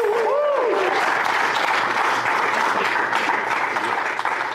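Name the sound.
applause and cheering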